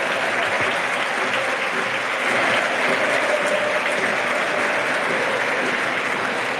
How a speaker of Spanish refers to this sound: Sí, mira, el más claro ejemplo y resumen aplausos, del partido, ¿no?, es el aplauso de todo el Molinón por el derroche físico y compromiso. Espera, Pedro, lo escuchamos.